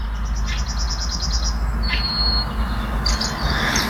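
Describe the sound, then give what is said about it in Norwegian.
Bird chirping in the background of a voice message from a bus driver in Toten, Norway, rings out over a steady low rumble, with rapid repeated high tweets in quick bursts and a few sharper calls, fairly clear against the constant background drone. “Hør på denne fuglekvitteringen da.”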